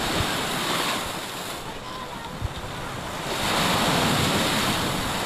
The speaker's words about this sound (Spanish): Vamos a transmitirles con el sonido de las olas.